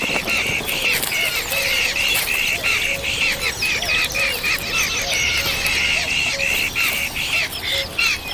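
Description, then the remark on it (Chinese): A pair of big-tailed hawks bringing caught insects to their hungry chicks: loud, continuous raspy squawks and chattering calls, repeating rapidly and overlapping throughout, with no talking. “一窝饥饿的大尾鹰雏鸟需要父母全心全意照料，大尾鹰夫妇终日穿梭不停，不断把捕获的昆虫送到雏鸟口中。”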